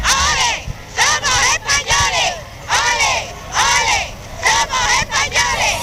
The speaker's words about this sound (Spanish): El pueblo ceutí salió en masa a la calle para recibir a los reyes, una multitud enfervorecida y apasionada que gritaba aquello de ole, ole, ole, somos españoles.